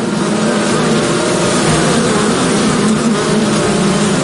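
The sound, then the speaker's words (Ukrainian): A steady, dense buzzing of many honeybees around their beehives fills the air without pause, a loud swarm hum with no voices present. “Тут, в ось таких вуликах, народжується мед. Але цього року бджолам довелося працювати в куди складніших умовах.”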